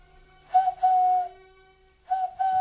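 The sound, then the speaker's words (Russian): A person whistles a bird-like call as a prearranged signal, in two phrases: a short chirp that becomes a long, steady mid-pitched note, then a pause and two quick notes ending on a brighter rising tone. “Нет, нет, родная, это не птица, это мой друг Горвинал. Он подает нам условный знак.”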